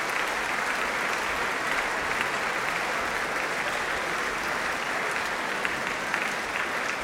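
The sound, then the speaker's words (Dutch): Sustained, dense applause from a large, especially enthusiastic concert audience in Rotterdam as the performers bow hand in hand at the end of an orchestral concert, a steady wash of clapping hands that holds at an even, fairly loud level throughout without pause or voices. “En nogmaals, buigen ze hand in hand. Voor dit bijzonder enthousiaste publiek.”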